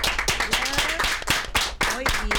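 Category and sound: crowd, applause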